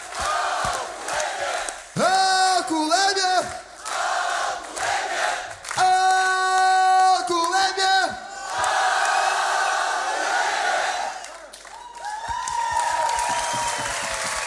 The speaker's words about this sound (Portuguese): Grande salva de palmas. E um grande obrigado.